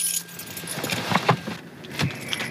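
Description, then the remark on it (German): Car keys jangle and clink in a few quick bursts as a key is taken after parking, over a low steady hum of a car interior with no one talking. “Gut, dann wollen wir einen Schlüssel mitnehmen.”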